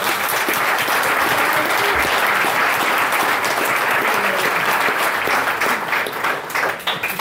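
A large audience claps steadily for several seconds, a dense, close wash of applause that holds strong throughout and thins slightly at the very end.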